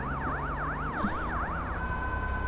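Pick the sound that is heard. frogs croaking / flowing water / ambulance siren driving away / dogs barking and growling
ambulance siren driving away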